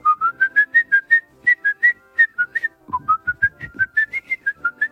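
A person whistles a lively, recognizable film melody, like the one from the film M (the vampire of Düsseldorf), with a quick run of short, bouncy notes rising and falling in a steady rhythm, no talking over it.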